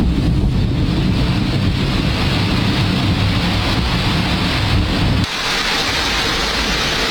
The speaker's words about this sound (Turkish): Aniden başlayan yağmur İstanbul'da yine aynı manzaralara sahne oldu. Yollar göle döndü, caddeler su altında kaldı.